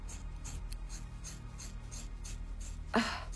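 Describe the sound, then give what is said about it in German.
Scissors crunch through a person's very thick, long hair in a series of short, raspy snips, ending with one louder, sharper cut. No one speaks. “hat sehr dickes Haar. Ich komme mit der Schere.”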